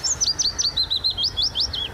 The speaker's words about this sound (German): Auf Platz 2 ist dann der Fittis-Laubsänger, der klingt so.